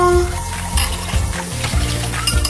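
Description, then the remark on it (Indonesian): Steady running water hisses from a tap as dishes are scrubbed with a sponge and rinsed, with occasional soft knocks and light clinks of plates; no one speaks. “cuci piring dulu.”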